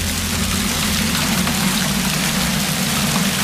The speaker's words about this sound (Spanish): Es el sonido del granizo caído ayer por la tarde en Castellfort, en el interior norte de Castellón. Granizo y rachas.